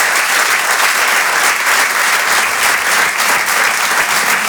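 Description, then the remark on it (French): Sustained, loud audience applause for comedian Ray Mendes on Rire et Chanson: a dense, steady wash of many hands clapping at once, with no gaps and no voices standing out above it. “Merci on peut l'applaudir très très fort.”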